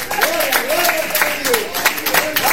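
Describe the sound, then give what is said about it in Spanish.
During a Spanish-language church sermon, the preacher and audience clap hands in a steady, rhythmic beat of sharp, repeated claps, while a voice calls out praise over them in a wavering tone. “Yo quiero aplaudir juntamente con ustedes.”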